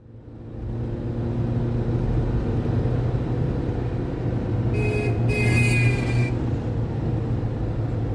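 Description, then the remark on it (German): Steady low rumble of evening rush-hour car traffic and idling engines fills the whole recording, with a brief higher-pitched squeal or tone rising out of the drone near the middle. No one speaks. “Sie blickt auf die Uhr, die mit der Frontscheibe verschmolzen ist, und dann wieder auf die Autos vor ihr, die sich im Feierabendverkehrschaos auflösen.”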